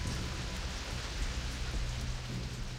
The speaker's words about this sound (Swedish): Regnet öste ner, men det var inget som de brydde sig om.